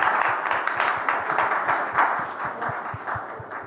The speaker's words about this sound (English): We have Admiral Swaminathan here with us. Can we please welcome him with a huge round of applause? So we welcome you on stage.